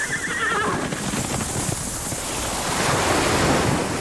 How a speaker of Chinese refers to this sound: 大海。如果有一天，这些美好的声音突然消失